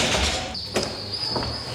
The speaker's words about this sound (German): Die Tür ist auf.